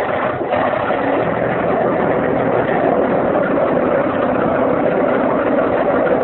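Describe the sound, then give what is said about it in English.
A motor runs with a steady, dense rumbling drone that holds at an even loudness for the whole stretch, with no voices over it. “I'll get the motor started. We'll be off in a jiffy.”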